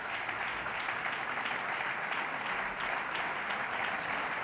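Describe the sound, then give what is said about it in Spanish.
Sustained applause from a concert audience at a recital at the 75th Festival Internacional de Música y Danza de Granada as the performer leaves the stage and comes back on. A dense, even wash of many hands clapping at steady loudness throughout, with no voices standing out. “Sale del escenario y vuelve a subir, sigue recibiendo los aplausos del público y no sabemos si nos obsequiará una propina.”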